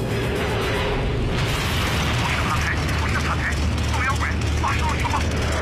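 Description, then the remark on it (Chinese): Enemy anti-aircraft flak bursts boom and crackle amid a constant, loud roar of aircraft engines as P-40 fighters escorting nine B-25 bombers near their target, forming a dense, chaotic barrage with no quiet moments throughout. “飞机接近目标时，敌人的高射炮如火焰一般袭来。”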